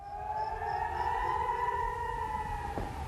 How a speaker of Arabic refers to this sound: ميدانيا، أعلن الجيش الإسرائيلي اعتراض سلاح الجو مسيرة أطلقت من اليمن بأجواء إيلات جنوبي إسرائيل، وأدوت صافرات الإنذار مع رصد تسلل المسيرة.